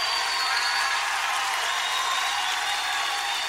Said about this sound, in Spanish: ese aplauso al Señor.